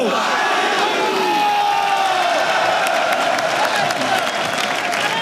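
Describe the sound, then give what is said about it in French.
A large stadium crowd roars and cheers continuously as Paris Saint-Germain player Renato, number 89, is introduced, with applause and shouts blending into a loud, sustained, echoing wall of sound. “À vous de l'applaudir et de l'accueillir, Renato!”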